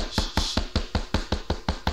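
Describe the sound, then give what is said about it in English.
A steady run of about nine quick, sharp knocks in a brisk, even rhythm, moderately loud, with no voices. “Who is that knocking?”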